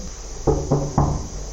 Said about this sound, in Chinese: 上门的时候，这个门当时敲了很久啊